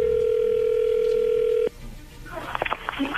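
The ringing tone of an outgoing telephone call sounds as a single steady, mid-pitched hum for about a second and a half, then cuts off abruptly as the call goes through, and a voice picks up and starts talking.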